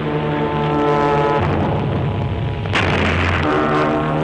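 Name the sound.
bomb explosions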